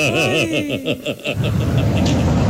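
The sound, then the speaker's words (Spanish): A car engine cranks with a wavering, rhythmic whir, then catches and settles into a loud, steady rumbling idle, with no one speaking. “Cogí, prendí mi carro esta mañana para rebuscarme el diario.”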